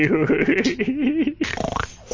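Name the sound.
fart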